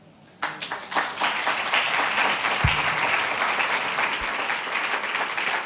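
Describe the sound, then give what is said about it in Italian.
A live audience breaks into sustained applause after a reading by Francesca Mannocchi, broadcast live on Radio 3's Fahrenheit. Many hands clap in a dense, steady wash that starts abruptly and holds at a fairly loud level throughout. “Siete d'accordo, quindi? Lo sento dall'applauso.”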